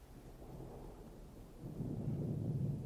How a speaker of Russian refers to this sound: Слышишь? О, гроза идет. О, как потемнело.